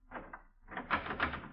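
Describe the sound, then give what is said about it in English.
A door handle is turned slowly and rattled against a door bolted on the outside, in a fort after midnight: a short metallic clatter, a brief pause, then a longer, harder burst of jiggling and knocking. “I turned the handle slowly. The door wouldn't budge. I tried harder.”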